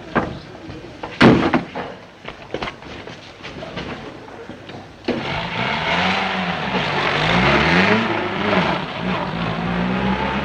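A few sharp clunks and rattles, including a loud door-like slam, then a car engine starts up and revs with rising and falling pitch, steady, in a scene from the 1946 film Étoile sans lumière.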